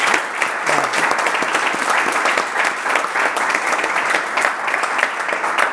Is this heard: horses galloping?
no